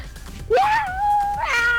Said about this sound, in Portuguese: Que isso aí, rapaz? É um gato?